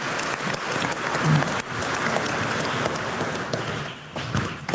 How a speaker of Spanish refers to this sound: Un aplauso a la Virgencita también este día.